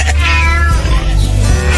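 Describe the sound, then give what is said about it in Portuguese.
A cat lets out a loud, drawn-out meow, its pitch rising and then falling, over a steady low background hum. “O gato miou.”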